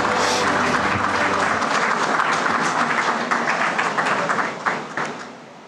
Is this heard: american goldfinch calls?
no